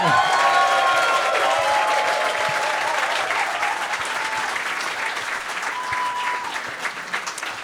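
Sustained audience applause at a tribute concert, welcoming a singer and a jazz trio: a dense steady patter of many hands clapping at constant volume, with a few faint whoops and cheers rising above it early on and again near the end.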